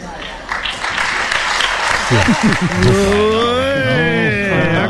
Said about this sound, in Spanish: Para aplauso desganado el que se ha llevado esta mañana el presidente del gobierno, Pedro Sánchez, estaba hablando a sus diputados y no os digo más, escuchamos el aplauso.